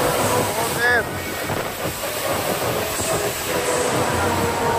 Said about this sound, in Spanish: Así arreciaba esa lluvia torrencial en Orriols.